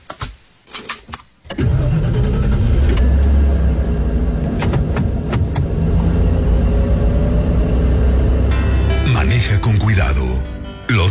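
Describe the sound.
A few soft clicks, then a car engine turns over and catches, settling into a loud, steady low rumble as it keeps running; a voice briefly speaks over it near the end.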